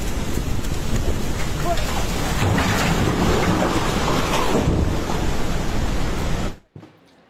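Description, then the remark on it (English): A loud, steady roar of floodwater in Nepal rushing between hillsides, recorded on video by a workman as it approached, surges continuously for several seconds, dense, then cuts off abruptly near the end. “the sheer volume of water and the speed at which it came crashing between the hillsides”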